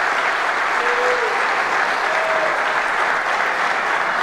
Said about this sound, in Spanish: La gente aplaude.